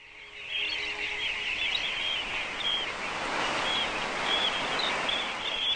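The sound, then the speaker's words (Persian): Many small birds, most of which have flown thousands of kilometres from North America, chirp and tweet in a busy, overlapping chorus while feeding in pools formed by storms and waves, with brief high calls repeating over a steady wash of water-like background noise. “تعداد زیادی از پرندگان از مواد غذایی موجود در این آب ها لذت می برند.”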